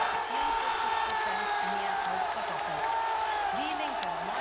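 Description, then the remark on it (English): A large election-night crowd in Saxony-Anhalt, Germany, cheers and shouts continuously as projections show the AfD topping the polls: a dense, steady roar of many voices with a few whoops rising above it, loud throughout. “The crowd here is going crazy as everyone tries to figure out exactly what it means for Saxony-Anhalt, but for Germany as well.”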